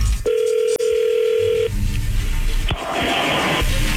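A steady, low-pitched telephone tone hums for over a second with one brief break as a call is being dialed, then stops, followed by a short burst of hissy line noise; no one speaks.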